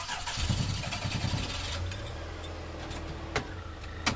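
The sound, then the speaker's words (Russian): A Zhiguli car engine cranks with a rapid chugging for about a second, then catches and settles into a low, steady idle, with a few sharp clicks over the hum. “Плахов развернул «Жигули», протяжно посигналил на прощание и направил машину в распахнутые ворота”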